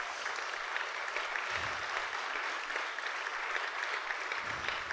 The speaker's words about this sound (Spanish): Denle un aplauso fuerte al que vive.